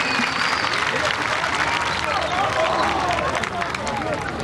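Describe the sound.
A crowd applauds steadily, dense clapping filling the whole stretch at an even, fairly loud level, with a murmur of voices and a few whistles threaded through.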